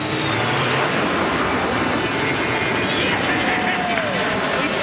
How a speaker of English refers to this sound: Arrow 201. You're clear for takeoff.